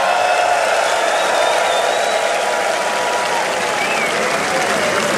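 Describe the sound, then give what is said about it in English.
A large concert crowd at a festival in Belgium applauds and cheers loudly and steadily, a dense wash of clapping with scattered whistles and shouts that holds at full strength for several seconds. “It's truly an honor to have a loyal crowd like this.”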